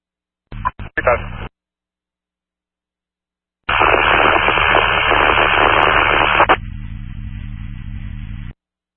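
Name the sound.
radio static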